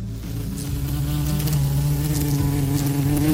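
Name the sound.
wasp buzzing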